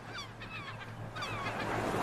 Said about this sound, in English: Oh, my ocean tide. There it is.